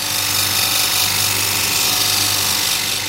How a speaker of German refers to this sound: So, da hört man jetzt, wie ein Stein geschliffen wird.